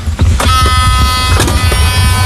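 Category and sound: vehicle, electric cart driving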